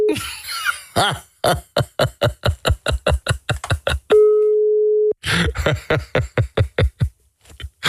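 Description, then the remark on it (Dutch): A steady, one-second phone ringing tone from a call placed from a PC sounds once, set between long runs of rapid, rhythmic bursts of sharp noise, with no one picking up. “Ik kan namelijk bellen via de PC. Ik vind het zo vet, maar neem niemand op.”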